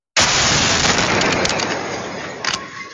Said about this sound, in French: La scène de l'explosion filmé dans son intégralité.